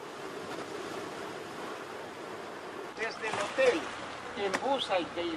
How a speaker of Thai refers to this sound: เมื่อตัดกับสีดำของโขดหินเกลียวคลื่นอันทรงพลังคือบททดสอบที่ยิ่งใหญ่ไม่ว่าคลื่นจะสูงรุนแรงแค่ไหน